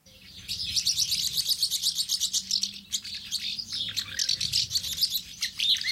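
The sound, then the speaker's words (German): House martins twitter continuously in a busy, overlapping chorus of rapid high chirps and trills, steady throughout, with no voices present. “Und so hört sich die Mehlschwalbe dann an.”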